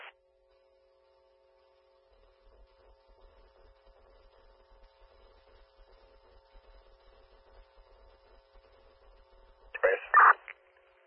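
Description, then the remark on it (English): A quiet radio channel hisses with a faint steady hum and low crackle, then near the end a loud burst of radio dispatch cancel tones sounds, a short sequence of bright beeping pitches, cancelling the additional ambulance for an accident for Burlington, North Dodge and East Jefferson. “Attention Rochester, these are cancel tones for the accident for the city of Burlington, North Dodge, and East Jefferson.”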